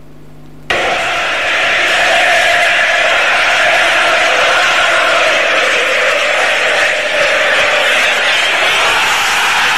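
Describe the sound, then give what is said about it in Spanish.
After a brief quiet moment, a massive stadium crowd at La Bombonera in Argentina erupts into a roaring celebration of a Martín Palermo goal in a 1999 superclásico, a dense wall of shouting and cheering that stays loud and steady for about nine seconds. “Ese grito de gol es el gol de Martín Palermo en un clásico.”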